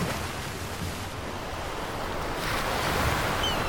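Sea waves roar and wash steadily against the shore, a dense, continuous rush of surf that swells a little louder toward the end, with no voices present.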